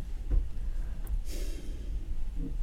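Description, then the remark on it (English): A single quick, breathy intake of air, like a surprised gasp, against a low background rumble, with no talking; a person gasps while putting a hand on their chest. “You're like gasping and putting your hand on your chest.”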